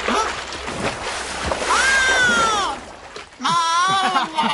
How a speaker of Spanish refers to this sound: ¡Cuidado, Sabu! Nunca se sabe cuando una criatura acuática va... ¡A sacudirse!